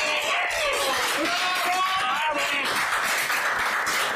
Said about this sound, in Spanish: porque este aplauso é para ti por presentar as badaladas de fin de ano.